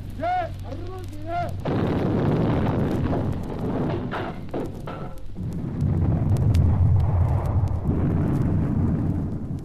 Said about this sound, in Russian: 12 января 1943 года войска Ленинградского и Волховского фронтов перешли в наступление. Начался прорыв блокады Ленинграда. Заговорили, закрохотали орудия всех калибров.